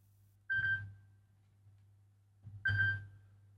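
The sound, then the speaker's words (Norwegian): A telephone rings twice in short electronic bursts about two seconds apart, clear, over a steady low hum with no voices: a call coming in on a bingo call-in line. “Det ringer, hör, vem kan det vara?”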